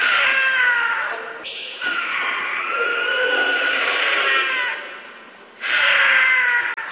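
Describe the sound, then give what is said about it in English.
A cougar screams in long, loud, high-pitched wails with a harsh, wavering quality, three drawn-out cries with brief breaks between them and no talking. “That is the scream of a cougar.”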